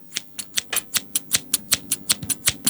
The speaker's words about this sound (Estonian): Need on käärid, või? Need on käärid, tõesti, kuule.